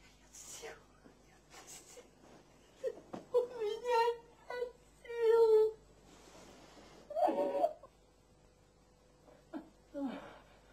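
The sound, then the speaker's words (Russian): A person crying, with shaky whimpering sobs in several drawn-out bursts separated by breathy, quieter gasps. No clear words are spoken. “Плачешь ты, а не я.”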